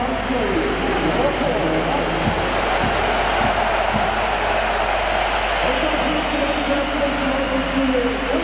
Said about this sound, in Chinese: 赖茨下场之后呢也是赢得了球迷的掌声